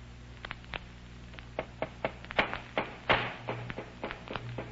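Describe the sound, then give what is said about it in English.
A hammer pounds on a wooden crate, nailing it tight shut, in a run of sharp, knocking blows, about a dozen, uneven in spacing and loudness, over a low steady hum with no voices. “Well, they're hammering that crate tight shut.”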